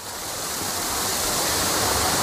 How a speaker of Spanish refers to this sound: El chorro central de la Fuente de la Cascada es una imagen icónica de estos jardines, con la fachada principal del palacio al fondo y el agua bajando por sus escalones a lo largo de 80 metros.